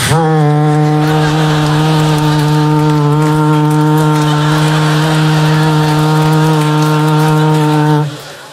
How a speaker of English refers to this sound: Why, I've hammer-tuned my alpenhorn.